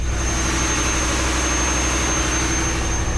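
Loud, steady engine-room roar of a ship's engine, a dense low rumble with a faint high whine running through it, continuous and unbroken with no voices.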